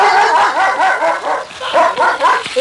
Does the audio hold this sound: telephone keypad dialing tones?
no